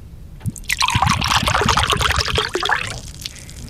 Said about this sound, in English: In terms of pours, aggressive. It felt like it needed to escape the can. It kind of did, didn't it?